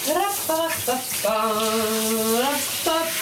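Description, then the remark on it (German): Steady hissing shower water runs throughout, fairly loud, while a voice sings several sustained, wavering notes over it. “In die Dusche gehen, den Duschkopf als Mikrofon in die Hand nehmen und lossingen.”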